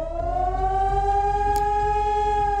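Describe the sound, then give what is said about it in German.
A loud civil defense warning siren wails steadily in a nationwide warning day test alarm in Germany, sounded at 11 o'clock in the Ortenau district, its sustained tone slowly rising in pitch, with a low rumble underneath and no voices. “Im Ortenau-Kreis heulen die Sirenen in insgesamt 32 Kommunen.”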